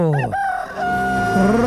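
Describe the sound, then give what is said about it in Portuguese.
A rooster crows once, loud, its call rising then holding a long strained note before dropping off at the end. “Galo, galo, galo, galo, galo, galo, galo, galo cantando.”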